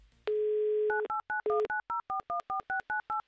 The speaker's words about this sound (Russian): Номер телефона мы набрали. Теперь нам осталось дождаться гудков.